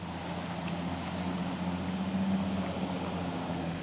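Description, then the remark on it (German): A boat engine drones steadily as the boat approaches the harbor of Friedrichskoog at high tide: a low humming motor with a constant rumble that swells slightly midway, heard alone with no voices. “Momentan ist Hochwasser. Die einzige Möglichkeit für ein Boot, den Hafen von Friedrichskoog anzulaufen.”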